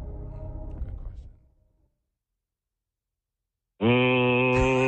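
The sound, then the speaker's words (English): A voice imitates a clothes dryer with a low, rumbling hum that fades away, then after a short silence breaks into a loud, steady droning tone that holds to the end. “What sound does a dryer make?”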